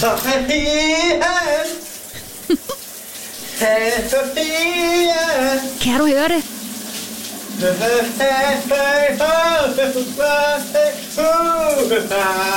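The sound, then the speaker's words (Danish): A colleague sings loudly while a shower sprays a steady hiss of running water underneath; the singing breaks briefly for a few spoken words before carrying on. “hvor det lige nu, som sædvanligt, er blevet tid til et brusebadshit.”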